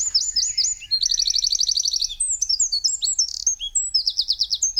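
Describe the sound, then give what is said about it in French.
A Eurasian wren sings a loud, rapid, high-pitched song of tumbling trills and sharp chirps, delivered in quick bursts, with a faint low rumble underneath. “Un autre oiseau que tout le monde connaît, c'est le troglodyte, qu'on appelle à tort roitelet.”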